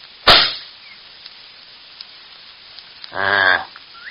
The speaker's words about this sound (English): Well, I'm going to aim at the middle of that rock and shoot. Then see where the bullet goes.